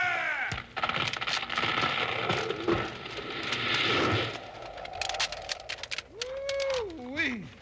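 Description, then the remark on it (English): A big felled tree comes crashing down: a long, loud rush of splintering wood and thrashing branches with sharp cracks, then scattered snaps and a brief wavering, rising-and-falling tone at the end. “Look out now. It's about to drop. If it falls the wrong way, you better be ready to run.”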